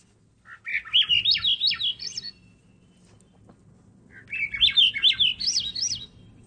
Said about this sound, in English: So that's the Swainson's thrush. That's one of the birds that is most affected by the loss of berries, and is also one of the most common birds that you never see in Metro Vancouver.